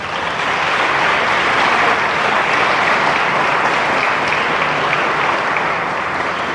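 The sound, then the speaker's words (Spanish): Sustained applause from a large audience, given to the love of God, a dense, steady wash of clapping that stays loud and even throughout with no voices standing out. “Denle un aplauso al amor de Dios.”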